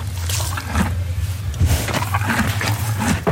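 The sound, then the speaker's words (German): A white horse in the rearmost stall of a stable drinks water from a bucket and rubs its nostrils on the straw, with low, rumbling slurps and breaths running steadily throughout, while rustling straw crackles in short bursts over the top. No one speaks. “Ein Schimmel, wo Wasser aus einem Kübel sauft und die Nüstern am Stroh reibt.”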